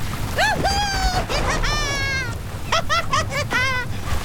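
A storm at sea: heavy rain falls in torrents, hissing and rumbling steadily beneath gusty wind that raises waves over 12 metres high, while a series of loud, high, wavering bird cries rings out repeatedly over the downpour.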